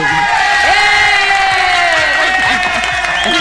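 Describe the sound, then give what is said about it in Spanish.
A crowd, paid to cheer and told to shout and make noise, shouts and cheers loudly and continuously, many overlapping voices forming a dense, sustained roar with rising whoops and yells throughout. “Él es el encargado de decirles ahora. Griten. ¡Qué barro! Hagan bulla.”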